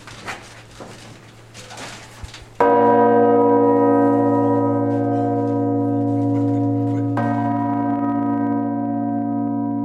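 A massive, deep five-ton church bell, the heaviest of the tower's ring, strikes loudly, heard from directly beneath it; its rich humming tones ring on without fading, then a second heavy strike follows about four seconds later over a low rumble.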